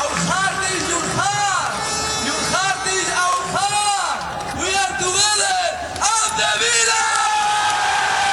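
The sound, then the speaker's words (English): A large crowd of thousands of Aston Villa football fans in Birmingham cheers and bellows continuously at an open-top bus parade celebrating their Europa League trophy, with overlapping shouts, whoops and chanting voices rising and falling in a loud, dense outdoor roar. “Aston Villa's players have lifted the Europa League trophy again in front of thousands of fans in Birmingham”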